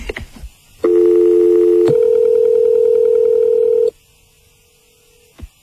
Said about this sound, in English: What are you doing ringing on the landline? Oh, you know, just calling from work today.